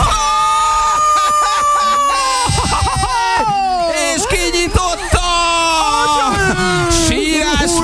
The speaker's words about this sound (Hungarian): Nagy sírás van!